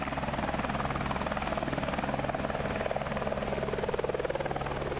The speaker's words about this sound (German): Ein besonderes Highlight waren die Rundflüge mit dem Hubschrauber.